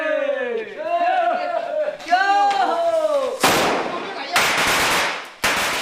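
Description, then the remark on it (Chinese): Several people shout together in long, rising calls, then loud strings of firecrackers burst out, crackling densely in rapid bursts that drown out the voices, at night, as the first wooden frame of a house is raised. “鞭炮与呼号声划破了夜空，房子的第一道排扇立起来了。”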